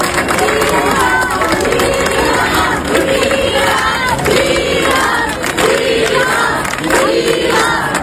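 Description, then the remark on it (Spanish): A large crowd in Ceuta cheers and shouts steadily, applauding Juan José Vivas, president of Ceuta, after his meeting with Ángel Víctor Torres, with rhythmic chanting voices rising over a dense wash of clapping and noise, loud throughout. “Y también aplausos a Juan José Vivas, presidente de Ceuta.”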